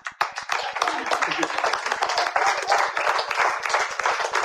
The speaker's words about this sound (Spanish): Miren, la iglesia está acostumbrada, hermanos, a que se diga, den un fuerte aplauso, Señor.